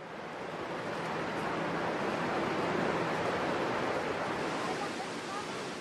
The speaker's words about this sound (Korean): 점점 시원한 폭포 소리가 가까워지면서 기대감이 부풀어 오릅니다.